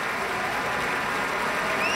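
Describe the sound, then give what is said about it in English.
Sustained audience applause, a dense, steady wash of many hands clapping at an even level, with no voices or music over it, for guitarist Pablo Sanz Viegas after his encore, a jota by Francisco Tárrega, at a broadcast concert by the Pacific Symphony. “More applause for Pablo Sanz Viegas.”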